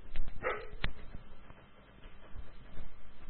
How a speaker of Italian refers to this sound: È un cane completamente pazzo.